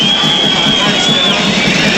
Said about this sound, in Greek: Την μπαλά είναι πλάγια για τον Όφη, κερδίζει το χειροκρότημα όμως ο Αργεντινός για την προσπάθειά του.